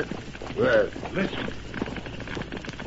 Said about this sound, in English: Well, listen. Horses. Get your guns ready. If that's a posse, we'll let him have it.